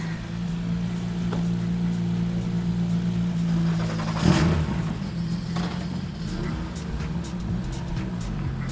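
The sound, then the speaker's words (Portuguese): Steady engine drone with low humming tones, rising briefly to a louder burst midway, as rally cars approach a control zone by a roundabout and tunnel amid outdoor background noise; no clear voices stand out. “Deixa-me só que os carros se aproximem mais na zona de controle para também não formar uma fila gigante ao longo da rotunda e túnel e tudo mais.”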